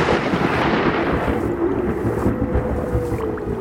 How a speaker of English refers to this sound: We have lingered too long. The storm is passing, and we must send you back out into the wilds, I'm sorry.